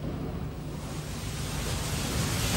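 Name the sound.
rain sound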